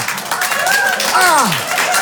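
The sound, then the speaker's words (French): An audience claps after a crude joke in a steady, dense wash of applause lasting the whole moment, while a voice calls out over it with rising and falling exclamations. “Ils applaudissent ça, les fous!”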